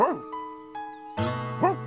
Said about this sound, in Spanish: ¿Por qué está ladrando Clifford?